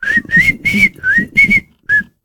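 Someone whistles an old English melody, a clear run of six sustained notes with brief breaths between phrases, with no talking.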